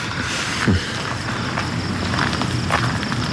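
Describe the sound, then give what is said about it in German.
A handful of footsteps walk at an unhurried pace, soft, as people head off to visit the torture tower, set against a steady rumbling outdoor background. “Nach der ganzen Aufregung tut es gut, ein paar Schritte zu gehen.”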